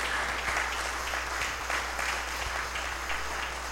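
Steady applause from a large indoor gathering, many hands clapping at once in a dense, continuous patter that holds at an even level throughout, with a low hum underneath and no talking.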